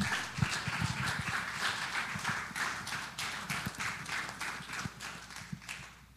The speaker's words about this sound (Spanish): Con un aplauso, Señor, lo recibimos.